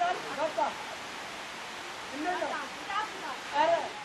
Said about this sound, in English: In goes the dirty water. Out comes the clean water.